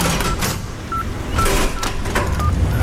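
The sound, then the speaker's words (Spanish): A phone number is dialed to make a call, a handful of short touch-tone beeps at uneven intervals over a steady background of rustling noise, with no one talking. “Voy a llamarle.”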